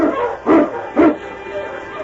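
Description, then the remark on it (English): Dogs bark twice in quick succession, two loud barks about half a second apart, over a steady background hiss: a sled team of huskies led by King, racing over a frozen, snowy trail. “On King! On you Huskies!”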